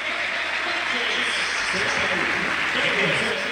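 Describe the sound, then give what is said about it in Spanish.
A large stadium crowd in Lanús roars and applauds steadily in an ovation for footballer Flaco López, a dense, continuous wash of clapping and cheering, with faint voices mixed into the din. “Y la ovación también para el Flaco López, que ya está ubicado en uno de los palcos, Valobra.”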